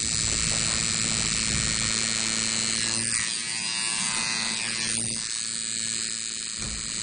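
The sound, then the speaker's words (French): A tattoo machine buzzes steadily and loudly for the whole stretch, a dense electric drone with a slight shift in tone midway, and no one speaks. “Le dermographe, que j'ai appris aujourd'hui.”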